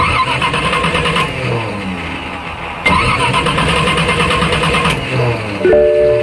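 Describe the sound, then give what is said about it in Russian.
An old car engine cranks and sputters loudly, the starter grinding through several rhythmic attempts without catching, ending with a brief electronic tone. “Ну нет! Серьезно? Опять? Изводит старая машина?”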